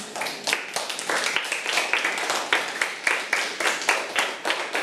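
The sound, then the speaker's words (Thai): A group of schoolchildren in a classroom clapping together for a classmate, a steady rapid patter of many hands lasting several seconds at moderate loudness, with no talking over it. “เก่งมากค่ะอ่ะปรบมือให้เพื่อนค่ะ”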